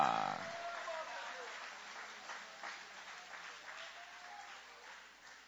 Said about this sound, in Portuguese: Pode tomar o vosso assento, guarda a Bíblia com carinho e aquelas palmas bem bonitas para Jesus. Aleluia!